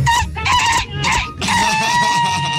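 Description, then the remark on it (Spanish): A voice imitates a rooster crowing, loud: a few short choppy bursts, then one long, strained, sustained crow held to the end. “mi primera vez que escucho un gallo ñato, ¿vale?”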